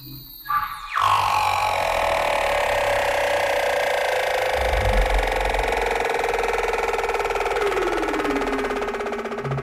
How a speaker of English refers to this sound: Using special microphones to capture the haunting calls of humpback whales swimming through the frigid waters of Antarctica. And the eerie trills of leopard seals as they glide by.